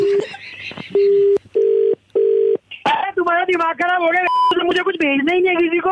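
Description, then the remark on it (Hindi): A phone's voice-message recording beep sounds three times in a steady row, each tone flat and clear. A person then starts talking right after the beeps. “Confuse हो रहे हैं सर आप, ये वाला सही रिकॉर्ड हो गया था, दूसरा करके देख लीजिए बीप।”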